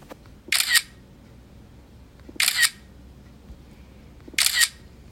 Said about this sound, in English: I'm going to have to guess that's a camera taking a picture. Any guesses about what kind of camera? Maybe a phone.